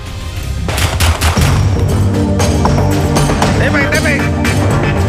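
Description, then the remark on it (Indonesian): Several sharp, loud gunshots crack out at irregular intervals over a constant noisy background with people's voices mixed in. These are police warning shots fired into the air while arresting a fleeing house burglar in Makassar, South Sulawesi, on a Thursday night. “Aparat kepolisian terpaksa melepaskan tembakan peringatan ke udara dan bergulat dengan pelaku pembobolan rumah yang hendak kabur saat ditangkap di Kota Makassar, Sulawesi Selatan pada Kamis malam.”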